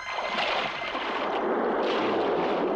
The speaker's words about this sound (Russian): Об один из отвесных склонов разбиваются волны.